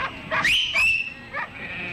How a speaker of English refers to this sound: You're moving your sheep? Yes, just getting them into that paddock on the side of the hill. Dry as a bone, this one, especially after they've been grazing. They are almost all transferred. Yeah, dogs are just rounding up the last of them.